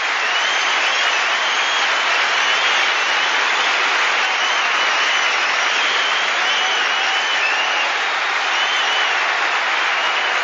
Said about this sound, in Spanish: Un aplauso